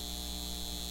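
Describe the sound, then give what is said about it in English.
A steady electrical hum with layered low tones and a bright band of whine above, holding constant and unbroken without any voices — the drone of a data center. “This is the sound of a data center taking your water and driving up your utility bills.”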